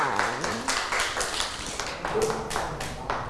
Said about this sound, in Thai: พ่อน่ารักมากเลยค่ะปรบมือให้